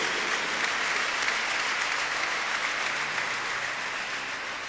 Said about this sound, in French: Je voudrais qu'on applaudisse très chaleureusement